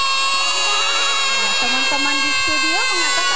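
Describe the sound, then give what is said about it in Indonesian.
A human voice mimics a goat's bleat with a wavering, quavering, nasal tone that rises and falls over a couple of seconds, against a steady background hum. “Ia datang mendatangi rumah anak kambing dan meniru suara kambing.”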